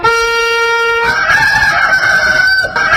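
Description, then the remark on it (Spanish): A rooster crows loudly in one long call as the wake-up rooster on Betel Radio in Juliaca, opening with a steady, clear harmonic note before breaking into a harsher, strained tone that holds to the end. No one speaks. “Dios los bendiga, buenos días, despierta con Betel, que el gallito despertador le pase la voz a Wendy.”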